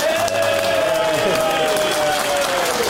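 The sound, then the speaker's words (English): Steady clapping from an audience, including a man at the back, as they vote by applause on nominees for 'Union Jackass': a dense, even patter with crowd murmur and a thin sustained tone gliding slowly downward underneath. “It turns out he'll just clap anything the guy in the back.”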